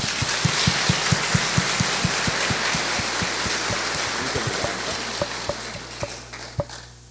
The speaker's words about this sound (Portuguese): Uma salva de palmas.